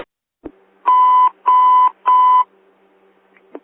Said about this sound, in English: Engine 67, bells ringing, 12411, building circle, across the Millennium.